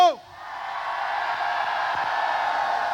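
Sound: audience shouting and cheering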